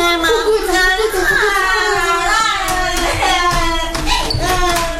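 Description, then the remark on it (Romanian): A young child with tonsillitis from catching a cold cries loudly and steadily for several seconds, the wavering wail rising and falling, with faint tapping and household clatter underneath. “Uite că … plânge”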